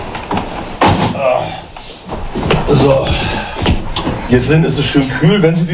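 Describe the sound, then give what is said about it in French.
A door of a house on the Hallig Oland, Germany, shuts with a solid thud, followed by another knock a few seconds later, while voices talk indoors. “Il fait bien frais à l'intérieur si vous gardez les portes fermées.”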